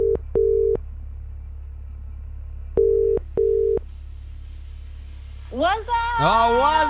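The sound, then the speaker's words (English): Two bursts of a double-beep WhatsApp call ringing tone, each pair of steady tones separated by a pause, before a voice picks up and starts talking near the end. “Who are we doing the WhatsApp callback with tonight?”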